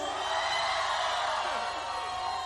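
An audience at the Teatro de la Ciudad in Mexico shouts for joy to Jehovah, a dense, sustained roar of many voices blending into one loud, steady wash of sound with no distinct words.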